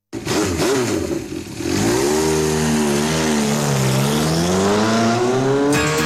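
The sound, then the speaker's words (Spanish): A motorcycle engine revs loudly, its pitch dipping and then climbing in a sustained roar that runs for several seconds with no voices. “Sientes la pasión de las dos ruedas en el pecho, tu próxima parada no es un podio, es Moto Workshop.”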